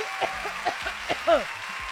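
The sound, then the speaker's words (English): A handful of sharp hand claps land at uneven intervals, moderately loud, celebrating a finished weekly challenge, with a short vocal whoop and some voice sounds mixed in between them. “Let's clap hands for us, because sana aibo aibo.”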